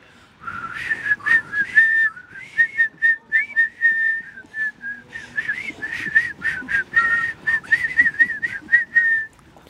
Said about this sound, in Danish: kunne I tænke jer at fløjte en lille sang?